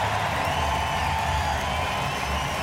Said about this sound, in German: Das ist euer Applaus. Ein bisschen Gänsehaut ist das, oder? So klang das nämlich 2023 Dankeschön. Hier auf dem Hurricane.